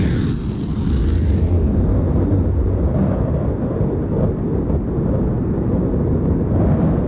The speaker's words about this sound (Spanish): Hasta ahora es pura lluvia.